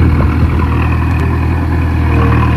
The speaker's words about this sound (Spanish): Escuchamos a la excavadora que ya está trabajando en la rotonda de la calle Jorge Ruiz de Santayana, que va a estar cortada desde hoy por un periodo aproximado de 3 meses, mientras se realizan las obras que ayer anunciaba el ayuntamiento.